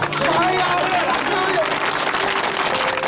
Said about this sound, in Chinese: 快鼓掌！快鼓掌！